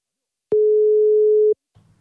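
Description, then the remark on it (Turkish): A single steady telephone ringback tone sounds for about one second, clear and fairly loud, then cuts off, followed by a faint low rustle. “Bakıyorum. Çalıyor mu? Ha, çalıyor.”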